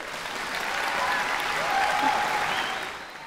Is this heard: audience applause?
yes